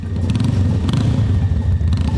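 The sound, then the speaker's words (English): A black motorbike's engine rumbles steadily, a deep continuous throb with a faint rattling clatter on top, as a rider in black leathers and helmet rides into the courtyard of a country chapel wedding venue, without any voices. “A figure in black leathers with matching helmet rides into the venue courtyard on a black motorbike.”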